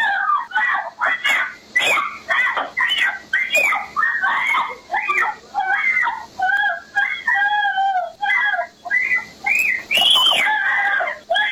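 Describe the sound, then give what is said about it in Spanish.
A young girl screams and wails in shrill, piercing bursts as a woman, her mother, tries to take her away by force; the screams come one after another with only brief breaths between them, loud throughout. “Estos son los gritos de la niñita porque la señora se la quería llevar a fuerza,”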